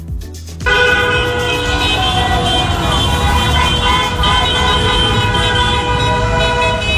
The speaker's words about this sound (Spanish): En la costa también los claxons de los vehículos no dejaron de sonar durante horas y horas y horas, mientras decenas de coches estaban recorriendo las principales calles de la ciudad con banderas de España ondeando por las ventanillas.